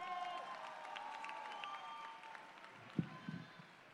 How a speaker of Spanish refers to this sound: ¡Un aplauso muy fuerte!